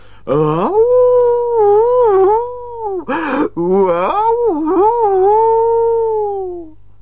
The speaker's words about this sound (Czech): Kuba šel blíž, přiložil ucho na dveře a teď zase slyší mňav, mňav, mňav.